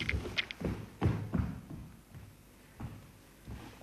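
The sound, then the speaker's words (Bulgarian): A door bangs repeatedly in dull, low thuds, several in quick succession early on, then a quieter pause before a few more irregular knocks. “Хлопа вратата.”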